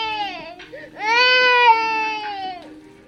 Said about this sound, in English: And sometimes, a baby's cry cutting through the static.